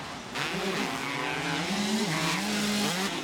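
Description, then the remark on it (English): Loud motocross bike engines rev hard and continuously during a race, the bikes running neck and neck, their whining pitch climbing and dipping as the throttles open and ease, with no voices over the roar. “Oh, they are revving these things out hard. They're running them really hard right now.”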